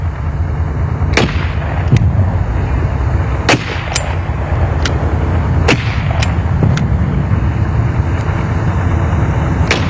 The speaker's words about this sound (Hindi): बारूदों और गोलियों की बरसात थी। बड़ा ही सख्त पहरा था, कहर था। जहां चली थी ये सन 1965 की जंग, वो पंजाब का अमृतसर शहर था।